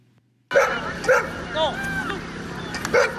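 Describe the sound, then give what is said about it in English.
A dog barks sharply a few times in separate bursts, loud, at an outdoor dog show and dog sport competition, with faint crowd voices and a whiny yip in between. “And this weekend saw hundreds of dog lovers and their furry pals taking part in competitions, bringing the community closer together.”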